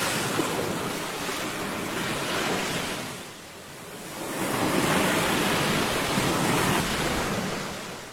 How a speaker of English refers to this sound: Okay, sound of the ocean there.